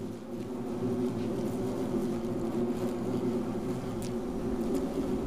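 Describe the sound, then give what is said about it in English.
A steady, droning buzz of bees fills the whole stretch, a dense low hum with a few brief higher whines passing through, holding an even loudness with no one speaking. “When the young bees develop, the homemade honeypots will feed them until they can take on colony duties themselves.”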